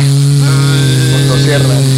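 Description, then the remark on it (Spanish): A loud, steady buzzing drone, like a mosquito's whine made coarse and motor-like, held continuously for two seconds; it sounds like a voice imitating the insect. “Y hábleme de ese zancudo que llega como con motosierra.”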